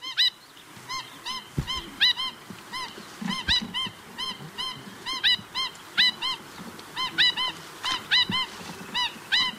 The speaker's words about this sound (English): Kaki. The Black Stilt.